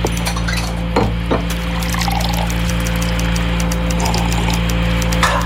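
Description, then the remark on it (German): Coffee is poured steadily into a cup, with a couple of light clinks early on, over a constant low electrical hum. No one speaks. “Ich werde noch mal eine Tasse Kaffee trinken.”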